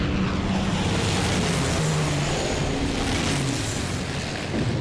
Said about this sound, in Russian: Над лесом около поля боя летят 6 самолетов. Пролетают над окопами, красноармейцы приседают.